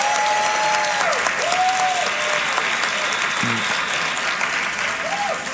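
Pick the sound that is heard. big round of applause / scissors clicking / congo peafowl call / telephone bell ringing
big round of applause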